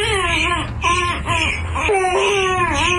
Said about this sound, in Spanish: Ah, …, el que estaba llorando ahí porque él quería ver a Bob Esponja